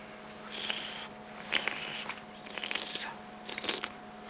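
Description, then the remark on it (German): Biting and chewing of a small olive of a variety from Nice, France, while breathing in through the nose: wet, squishy crunches in irregular bursts, fairly quiet, with a faint steady hum in the background and no talking. “kauen und durch die Nase einatmen, um alle Aromen zu entfalten.”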